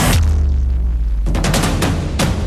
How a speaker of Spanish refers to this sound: Hay una entrada segura, comprobando lo que había, y utilizando el equipo de movimiento y traslado han traccionado desde fuera aquello que le parecía sospechoso. Y al traccionar ha habido una explosión, pero la explosión se ha quedado allí dentro.